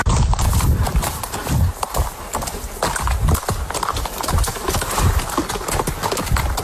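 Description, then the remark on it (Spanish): Horse hooves clip-clop in a steady rhythm, with a possible neigh among the hoofbeats and a breathy, rustling background throughout; no one speaks. “Volver a montar tu caballo, volver a cuidarlo.”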